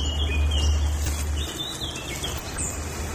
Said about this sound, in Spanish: Es el sonido del arboleto de liendo. Es un pequeño jardín botánico compuesto por provenientes de diferentes continentes, abierto al público, localizado en el barrio de Mollaneda de Lien, propiedad del excelentísimo ayuntamiento de este municipio.